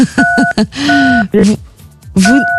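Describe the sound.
Three telephone keypad beeps, steady dual-pitched tones of differing lengths, made by a delighted caller on the phone line, while a person talks and exclaims over them.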